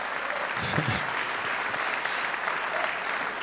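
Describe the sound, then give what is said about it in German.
Steady audience applause at a festival, a dense wash of many hands clapping at an even, sustained level throughout, with a brief murmur of a voice underneath near the start. “Mal sehen, ob Sie am Samstag dann auch noch zum Klatschen aufgelegt sind.”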